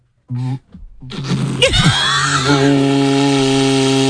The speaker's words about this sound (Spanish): Es un cuerno. Es un cuerno de buey, que esto lo hacen artesanos en Euskadi, y fíjate, está grabado y todo. Y esto se toca, pues lo típico que te dicen, no soples, que se pone así, se vibran los labios, a ver si...